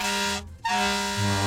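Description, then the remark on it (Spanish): A loud vehicle air horn honks twice, a long blaring blast, a brief gap, then a second sustained blast with a rich, buzzy harmonic tone. No voices. “Ve al pito de honor, ve al pito de honor. Ah, pita bien.”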